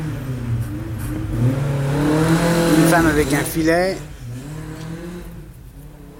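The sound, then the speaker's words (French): A rally car engine revs loudly as it passes by, its pitch sweeping up and then falling away, while a man speaks over the traffic noise. “Un connard avec une voiture rallye.”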